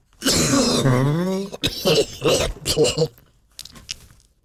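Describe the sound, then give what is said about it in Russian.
A person imitates a deep, guttural cough: a long rasping, throaty groan, then a string of harsh, hacking bursts that trail off into a few faint rattling breaths. “Да, вот и глубокий такой кашель, совершенно утробный должен быть такой, примерно вот такой.”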